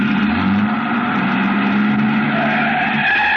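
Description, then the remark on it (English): A truck engine is started by a man who got into the truck; it roars loudly and steadily, revving with a strained, whining edge for a few seconds. No voices are heard. “I started back toward the street when a man, a much larger man than DuPont, came out the side door and got into the truck. He turned over the engine and switched on the lights before I could get clear.”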